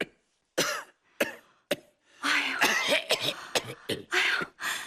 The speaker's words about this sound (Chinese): 你现在天天咳嗽吗？